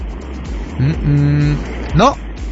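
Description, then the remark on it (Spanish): Muffled road-traffic rumble from Mexico City traffic comes through a thin, band-limited phone line, steady and fairly loud, with brief fragments of voices breaking in over the engine noise. “Bueno, nosotros sí, bueno, parece que va en el tráfico ahí de la Ciudad de México.”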